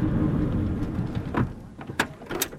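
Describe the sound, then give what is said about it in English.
A car door clunks and thuds a few times as someone gets out of the car on arrival at a seaside location: a muffled opening rattle followed by two sharper slams, over a low rumbling outdoor background with no one speaking. “So I've just come out of the car and already I cannot describe how beautiful this is.”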